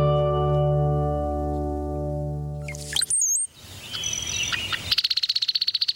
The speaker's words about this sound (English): This brown-headed cowbird never builds a nest. Instead, female cowbirds lay their eggs in the nest of other birds.